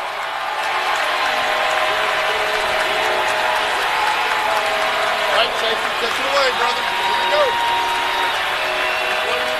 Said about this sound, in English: Crowd on its feet. Again, a sellout crowd here at F&M Bank Arena for this championship game.